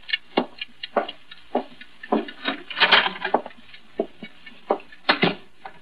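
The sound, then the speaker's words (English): A clock ticks steadily, each sharp click evenly spaced about twice a second, with nothing else in the background. “Get that clock out of here. It's making me jumpy.”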